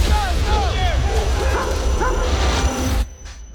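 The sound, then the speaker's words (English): A dog yips and whimpers in a string of short, high, arching cries over a rumbling background, steady for about three seconds before cutting off abruptly. “the dog gave you a warning.”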